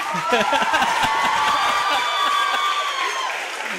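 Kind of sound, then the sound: crowd, audience applause and cheering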